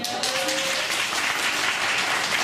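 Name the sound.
audience applause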